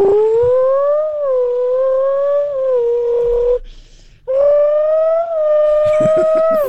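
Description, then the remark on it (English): A voice imitates a GTR car engine: a loud, steady droning hum with gentle pitch rises and dips, a short break for breath, then another sustained rev. “and a car sound I can make is a GTR.”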